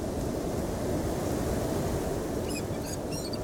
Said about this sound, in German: Die Deutschen haben auf den richtigen Wind gewartet. Jetzt ist er da.